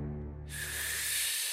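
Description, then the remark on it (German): A low voiced hum gives way to a long, forceful, loud breathy blast, a voice imitating a wolf taking a deep breath and blowing hard to blow down a reed tent, with no words spoken. “Und noch einmal holte der Wolf so tief Luft, dass er das ganze Schilf des Schweinchenschilfzeltes wegblies und es in Stücke fiel.”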